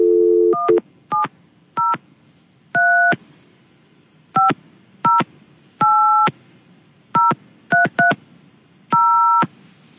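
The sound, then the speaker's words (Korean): A low dial tone gives way to about a dozen touch-tone keypad beeps, some short and some held longer, pressed in an uneven rhythm with nobody speaking, as a phone call is placed to someone celebrating a birthday. “그래서 전화로 한번 연결을 해볼까 합니다.”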